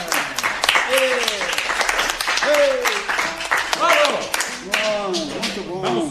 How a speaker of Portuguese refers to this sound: Bancada, aplausos por él.